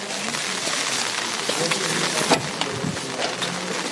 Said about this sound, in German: Aber wir sind jetzt hier und es ist aber noch nichts weiter zu hören außer Regen.